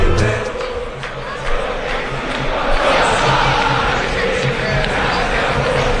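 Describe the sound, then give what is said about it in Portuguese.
A huge stadium crowd of Boca Juniors football fans roars and chants together at La Bombonera ahead of their match against São Paulo, a dense, steady wall of voices that stays loud for the whole stretch with a few rhythmic swells. “Festa da torcida do Boca Juniors.”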